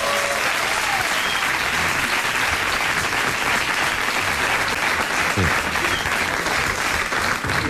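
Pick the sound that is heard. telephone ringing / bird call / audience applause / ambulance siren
audience applause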